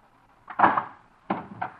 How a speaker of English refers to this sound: Darling, let me in. Please open the door.